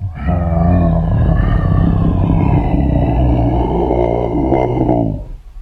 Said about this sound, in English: Whoa! It's a lion! Oh! Don't worry. Big, strong Samson is here. He's got the lion by the neck.